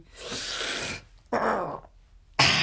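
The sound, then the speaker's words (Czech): A voice imitates a red deer stag's bellow in the mountains in three loud, rough bursts: a long roar, a shorter one after a pause, then a final call starting at the end. “Na horách jelení.”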